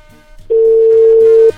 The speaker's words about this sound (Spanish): Así es de que solo hay que esperar que entre la llamada y nos contesten gritando: yo escucho Radio Gallito. Ahí está ya timbrando, nos dice.